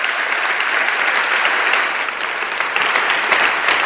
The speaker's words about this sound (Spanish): Os pido un aplauso para que se sienta la fuerza de los que estáis aquí y nuestro apoyo a toda esa gente que está trabajando por ayudar a los demás.